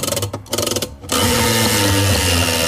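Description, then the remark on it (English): The Gladstone Camping Centre glamping prize wheel spinning in the 4CC radio studio, landing on an Icy Tech cooler: a second of rapid, uneven ratcheting clicks gives way to a loud, steady mechanical whirr with a buzzing, engine-like hum. No one speaks. “Giving that a big spin.”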